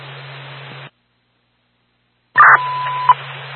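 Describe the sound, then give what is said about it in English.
Radio static hisses briefly, drops to silence, then a loud burst of squelch opens into a steady dispatch alert tone on a dispatch radio, holding for under a second before the static continues. “do you need any further tone?”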